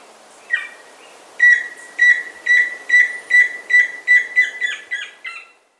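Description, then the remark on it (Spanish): A tororoy chusquero antpitta sings a clear series of about ten short, whistled notes in a steady rhythm, rising slightly in intensity, heard alone with no talking; a recording from the Colombian Bird Sound Bank compiled by the Instituto von Humboldt and Cornell University. “El trino del tororoy chusquero forma parte del Banco de Sonidos de Aves Colombianas, recopilado por el Instituto von Humboldt y la Universidad de Cornell.”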